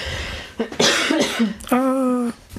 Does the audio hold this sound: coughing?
yes